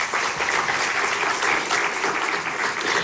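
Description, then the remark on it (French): Sustained audience applause at a gathering welcoming Israeli and Palestinian guests, a dense, steady crackle of many hands clapping at once in thanks to those who made the event possible, holding an even loudness throughout without any voices standing out. “Et je vous propose qu'on les applaudisse aussi.”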